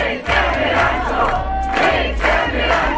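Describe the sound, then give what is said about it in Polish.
A crowd of fans of the TV series Rancho, gathered in Poland during filming of the final scenes of the show's next season, sings and chants together in a loud, steady mass of voices, with rhythmic swells roughly every half second and sustained melodic tones rising above the din. “Oni tutaj śpiewają, robią zdjęcia.”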